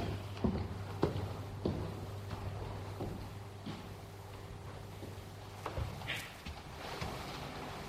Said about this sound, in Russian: Снова море.